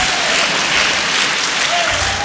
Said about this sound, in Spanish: Aplauda nomás.